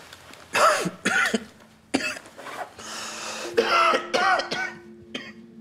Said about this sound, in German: Oh, kann sau wehtun. Seit wann haben Sie denn Blut im Husten?